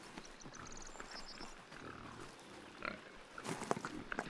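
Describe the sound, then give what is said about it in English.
A herd of black Iberian pigs grunts and snuffles in the empty Spanish countryside, foraging for acorns on the ground under the trees, in short, scattered bursts. Rustling and trampling underfoot grow louder toward the end, while faint birdsong chirps early on. “The black Iberian pigs can be traced back to ancient times.”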